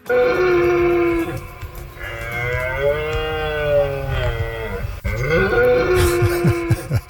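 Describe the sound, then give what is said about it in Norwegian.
A red deer stag roars during the autumn rut in Norwegian forests: loud, deep, drawn-out bellows with a groaning, harmonic tone, repeated in about three long calls with no talking. “For sånn kommer det til å høres ut rundt omkring i norske skoger fremgjørende, for nå skal hjorten ut og brøle.”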